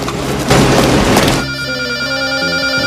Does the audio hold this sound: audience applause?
no